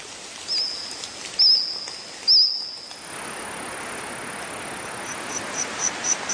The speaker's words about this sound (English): Insects chirping, trilling and squawking there, making up the soundtrack of a new Steven Spielberg series called The Dinosaurs.